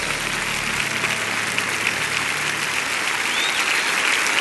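A crowd applauds Jesus steadily in the evening, a dense, even wash of many hands clapping that holds at a fairly loud level for the whole stretch, with no voices rising above it.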